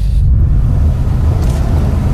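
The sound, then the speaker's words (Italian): Dense city traffic in Cagliari, Italy, rumbles steadily and loudly, a continuous low engine drone with no pauses and a brief faint hiss partway through, like a vehicle passing. “Cagliari, città del traffico e dei cantieri”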